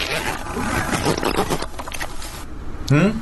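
A zipper is pulled in one long rasping run lasting a couple of seconds, the sixth zip in a series, followed by a brief pause and a short burst of voice at the end.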